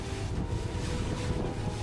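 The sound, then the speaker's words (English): A lifeboat's engine drones steadily as it crosses to the trawler Santa Princesa on the Barents Sea. Heavy wind buffets the microphone, and rough water with high waves churns beneath after a storm. A continuous, loud roar with no voices. “The crossing to the other trawler takes just under 5 minutes.”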